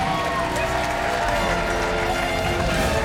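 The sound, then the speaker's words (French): A large crowd cheers and applauds loudly and continuously after a speech, a dense roar of clapping mixed with shouting voices that fills the whole stretch without letting up. “Notre bonhomme, une fois encore, a électrisé la foule.”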